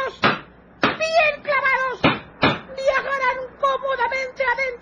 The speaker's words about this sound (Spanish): Las adormecidas víctimas son metidos en cajones y un siniestro claveteo se escucha enseguida.